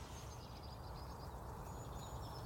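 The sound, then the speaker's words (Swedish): Faint, high birdsong of wild birds outdoors in Svartbäcksmåla, with scattered chirps and short whistled phrases over a steady low rumble of background noise. “Men nu tänker jag, för vi har ju lite fåglar här i Svartbäcksmåla, visst gör vi det?”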